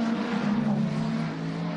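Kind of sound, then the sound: vehicle, race cars passing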